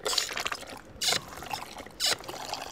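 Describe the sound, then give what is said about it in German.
Coffee streams from a large coffee dispenser at the breakfast buffet aboard the training ship Schulschiff Deutschland, a steady hissing pour broken by two brief louder gushes, with faint background clatter and no talking. “Das ist die Kaffeekanone auf dem Schiff, die Schulschiff Deutschland.”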